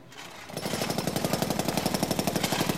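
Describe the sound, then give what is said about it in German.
A jackhammer starts up after a brief quiet moment and pounds in a rapid, steady rhythm, loud, with no voices over it, as construction work goes on where a clinic is being built. “Jetzt bauen sie da schon wieder etwas nach.”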